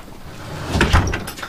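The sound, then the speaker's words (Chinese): A door swings shut as a child is sent off to do homework, with a dull, muffled thump, followed by a few softer knocks and rattles as it settles. No one speaks. “关门。”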